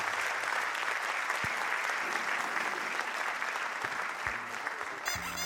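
Sustained applause from an audience fills the whole stretch, a dense, steady wash of many hands clapping at a fairly loud, even level, with no voices standing out.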